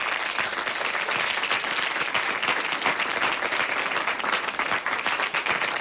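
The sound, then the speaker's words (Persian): At the close of a program, a crowd applauds in honour of themselves, steadily for about six seconds, a dense, even wash of many hands clapping at constant loudness with no voices standing out. “یک تشویق به افتخار خودتون بزنید و برنامه تمام شد.”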